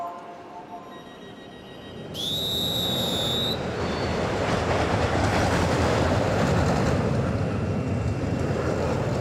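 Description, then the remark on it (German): A roller coaster on a test run, one it makes every day, rumbles along its track, a steady rolling roar that swells and holds, with a brief high, rising whine early on. No voices. “Das ist die Achterbahn, die macht Probefahrt.”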